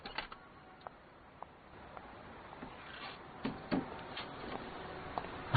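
Mechanical rattling and scattered clicks build as a shop door is pulled shut at closing time, with a cluster of clatters midway and a firmer knock at the very end. No voices.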